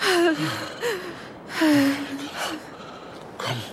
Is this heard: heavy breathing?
yes